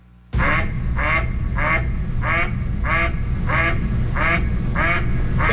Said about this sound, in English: Let's listen to a couple of mallards here, because we're talking about the fact that the males and females look quite different. They also sound slightly different, and I'll get you to walk me through this.